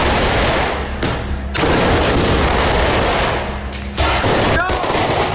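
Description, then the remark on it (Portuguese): A firework rocket is lit and bursts into a loud, dense string of rapid crackling bangs in Paraisópolis, in the south zone of São Paulo, during a large police mobilization. It runs for several seconds with two brief lulls and ends with a faint whistling streak. “Acenderam o rojão. Tá acendendo.”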